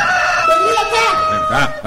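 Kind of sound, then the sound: bird, rooster crowing and flapping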